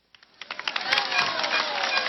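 A few scattered claps quickly swell into a dense, steady round of applause that holds at a fairly loud level until the end, with no voices over it.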